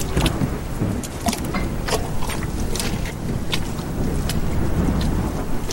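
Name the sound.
rain and wind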